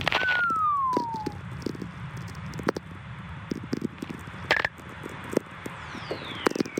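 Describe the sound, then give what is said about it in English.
Whistlers, radio tones caused by lightning, recorded by Stephen McCreevy in a Nevada desert: a smooth whistling tone glides steadily downward in pitch, and a fainter falling whistle follows later, over a constant hiss of radio static broken by sharp crackles and pops. “Whistlers, they're called. And these were recorded by Stephen McCreevy in a Nevada desert. They are caused by lightning.”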